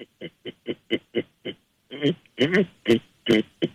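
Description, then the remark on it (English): A person imitates a pig by sucking on the roof of the mouth with the mouth closed, starting with a quick run of seven short, evenly spaced grunts, then several louder, longer snorting oinks. “I can sound like a pig.”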